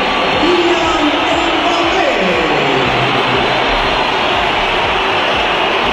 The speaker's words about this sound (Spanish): Primero fue este estruendo, esta pitada del Bernabéu a Kylian Mbappé, a quien el entrenador había dejado en el banquillo.